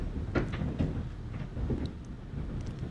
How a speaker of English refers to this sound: Let me turn my microphone up a bit. That's the hail hitting the studio here. Again, it is very loud. This is going to cause vehicle damage. Roof damage.